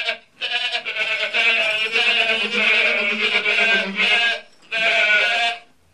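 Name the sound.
goats bleating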